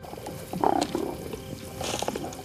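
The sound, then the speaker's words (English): A pride of lions feeding on an antelope kill at night: short growls and snarls break out over a steady rough background of chewing, meat tearing and rustling, with no voices. “The pride feast on their kill.”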